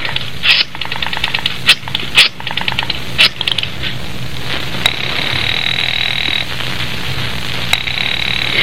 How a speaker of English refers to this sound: It's ringing. He must be there. Oh, he would have answered by now.